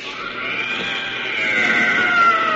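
An inhuman, bubbling cry of a blue tentacled jungle monster shot point blank with a chemi gun holds for a couple of seconds, a loud, wavering, bleat-like wail with layered tones that swells slightly louder toward the end.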